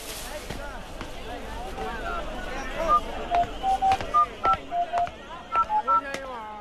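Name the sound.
telephone keypad dialing tones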